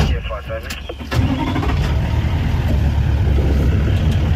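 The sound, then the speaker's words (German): A safari jeep engine cranks for about a second, then catches with a sudden surge and settles into a steady, loud, low rumbling idle, in the African bush in the early morning as the sun rises, on a safari in South Africa. “Der Safari-Jeep startet, gerade geht die Sonne auf.”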